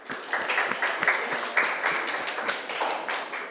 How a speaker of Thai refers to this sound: ครูก็ต้องขอเสียงปรบมือให้กับตัวแทนนักเรียนอีกครั้งหนึ่งค่ะ